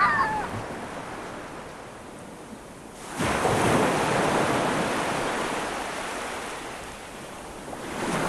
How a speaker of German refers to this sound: So, und die Wellen schwappen gleich weiter, nämlich in den ersten Wunsch.